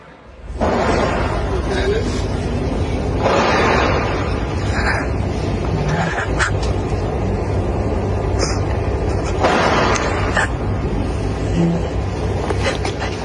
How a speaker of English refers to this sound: So you can clearly hear the gunshots in the background there and the gasps, the weeping of the person taking the video, presumably uncertain as to what is unfolding around them.